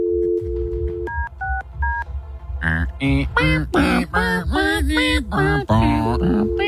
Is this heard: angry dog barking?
no